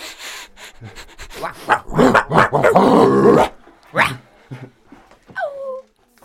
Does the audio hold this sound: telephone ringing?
no